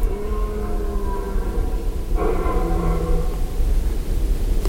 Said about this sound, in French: J'entends de nombreux brames longs de cerfs qui semblent dire à leurs compères « Je suis là, je suis là !» J'entends aussi des cerfs qui poussent ce brame un peu hoqueté et languissant, une sorte de sanglot à l'envers qui monterait.